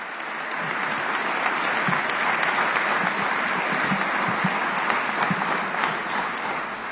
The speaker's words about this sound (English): all these beautiful children a big round of applause?